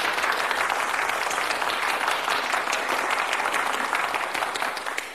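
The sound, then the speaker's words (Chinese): Sustained applause from a sizable crowd, a dense, steady clatter of many hands clapping at full strength for several seconds before easing off slightly at the end; the prolonged applause called for during a recording. “这里是长时间鼓掌，”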